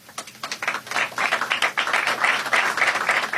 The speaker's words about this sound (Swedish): Applåder och handslag i FN-högkvarteret alldeles nyss.